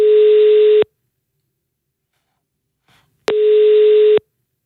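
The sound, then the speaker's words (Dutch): A telephone ringback tone while a call connects: two steady, loud electronic beeps just under a second each, separated by a long pause of about two and a half seconds, with no one talking. “Ik bel jou vandaag met de telefoon en dat is eigenlijk niet toevallig, hè?”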